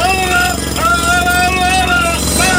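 Loud, continuous road construction noise: a dense mechanical roar with rumbling engines and a tonal whine that holds steady, dips, then rises again, all without a break for the whole stretch.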